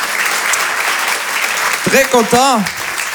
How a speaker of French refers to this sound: Applaudissez-vous. Vous êtes magnifique. Vraiment, applaudissez-vous.